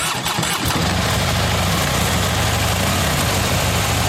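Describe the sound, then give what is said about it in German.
Harley motorcycle engines rumble loudly at idle at the Harley Days biker meeting on the Großmarkt grounds in Hammerbrook, opening with a few sputtering revs before settling into a steady, deep, throbbing drone with no voices. “Es sind wieder Harley Days. Die Biker treffen sich von Freitag bis Sonntag in Hammerbrook auf dem Großmarktgelände.”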